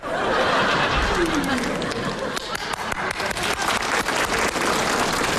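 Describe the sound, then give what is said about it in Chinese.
A crowd breaks into steady applause, dense rapid clapping that stays loud throughout, with faint scattered laughter and murmuring voices mixed underneath. “你姨跟你姨夫给你鼓掌了。”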